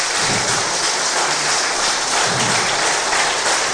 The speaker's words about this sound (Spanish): ¿Cuántos dicen amén? Dale un fuerte aplauso, hermano, hermana.